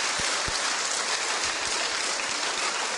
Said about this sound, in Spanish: Tan bella. Aplauso para la hermanita tan linda.